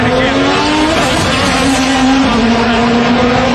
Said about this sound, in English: We can't hear this. I'm sorry. The cars are just too loud.